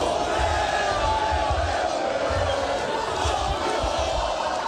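A large crowd roars and cheers continuously, a dense wall of shouting voices and whoops with steady loudness and no pauses throughout, greeting footballer Mohamed Salah as he is set to sign with a club in Turkey.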